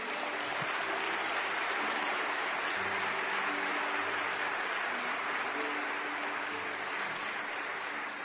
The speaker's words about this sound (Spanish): Denle un aplauso al Señor por esto.